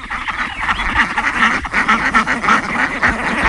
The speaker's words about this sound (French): Ça, ce sont nos canards coureurs indiens, qu'on appelle aussi la brigade anti-limaces. Voilà, qui s'occupe de manger un petit peu les protéines du jardin.